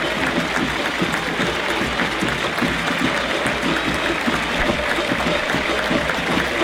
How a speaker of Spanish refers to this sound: El aplauso, la ovación, el reconocimiento a todo el fútbol argentino para el seleccionado subcampeón de la última Copa del Mundo.